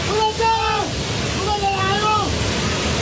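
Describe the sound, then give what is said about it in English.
A loud, steady roar of churning floodwater and debris rushes on densely as a towering mass of mud and rock tumbles into a river, triggering a flash flood in the Himalayan border region of Nepal, while raised human voices call out over the torrent in short bursts. “This one shows a towering mass of mud and rock tumbling into a river, triggering a torrential flash flood.”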